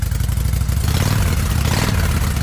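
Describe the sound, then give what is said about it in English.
A motorcycle engine rumbles loudly, its deep throaty growl holding steady with a slight rev swelling midway, with no voices over it. “Can you hear it? The road is calling. Is your bike ready?”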